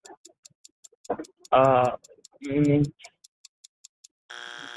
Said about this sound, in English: There's your buzzer.